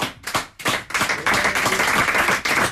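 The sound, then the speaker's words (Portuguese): A burst of applause from a crowd for the Portuguese guitar player at a Ribatejo tertúlia: a few separate claps at first, then dense, steady clapping that swells and holds loud to the end, with no talking over it. “para que eu peço mais uma salva de palmas, nunca é demais.”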